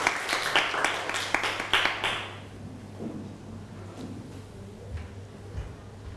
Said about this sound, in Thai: เอาปรบมือให้กับตัวแทนกลุ่มแรกด้วยครับ